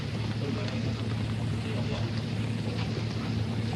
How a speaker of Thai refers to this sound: ที่มันปกเป๊กปกเป๊กเพราะว่าไอ้ฝนมันถูกไหมมันก็เลยมีเสียงออกมาปกเป๊กปกเป๊ก